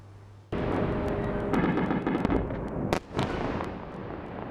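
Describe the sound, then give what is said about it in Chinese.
A sudden, powerful explosion from Russian ballistic missile strikes on Kyiv, Ukraine, in the early morning bursts in after a quiet moment, followed by a sustained roaring rumble with crackling pops and another sharp blast. No one speaks. “凌晨起，基辅持续响起爆炸声。”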